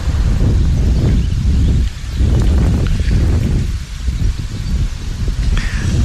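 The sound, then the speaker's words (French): Wind blows outdoors beside a nettle plant in loud, rumbling gusts buffeting the microphone, with leaves rustling steadily throughout and a brief lull near the middle before the gusting resumes. “Non, bouge pas, il y a du vent.”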